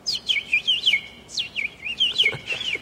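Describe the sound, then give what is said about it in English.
A person whistles a rapid, looping bird imitation, high sweeping chirps and trills repeating in quick bursts for a few seconds, fairly loud with no talking. “Do that bird thing again.”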